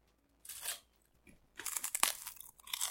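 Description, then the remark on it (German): Crunchy rice cakes being chewed: a short burst of dry crackling, a pause, then a longer stretch of loud, brittle crunching bites with no talking. “Wow, diese Reiswaffeln schmecken wie Vogelkotze.”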